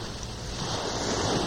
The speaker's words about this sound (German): Ich höre schon die Brandung, das Wellenrauschen. Wir sind auf dem Wege zum Meer.